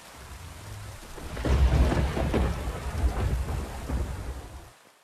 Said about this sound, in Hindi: इसी बीच पहाड़ों पर भारी बारिश होने लगी।